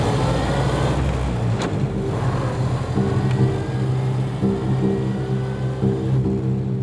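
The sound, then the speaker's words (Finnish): A car engine idles and hums steadily outside, with a low rumble and occasional slight revving, and no talking. “ottaa mua auton kanssa ulkona.”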